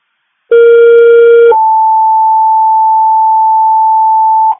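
A loud two-tone Macomb County fire department dispatch alert toning out Richmond Linux Alpha 3 for a lift assist on an 81-year-old male on 24 Mile Road: a brief buzzy lower tone for about a second, then a steady, clean higher tone held for roughly three seconds, with no voices.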